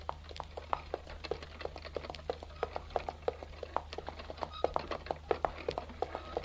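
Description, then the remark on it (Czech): Hooves clatter in a quick, uneven patter of sharp knocks as a horse-drawn carriage rolls over hard ground, with a few louder snapping cracks as the coachman cracks a whip over the horses' heads, over a low steady hum. “A kočí Matěj netrpělivě práskal koním nad hlavou, aby měl tu protivnou povinnost co nejdřív za sebou.”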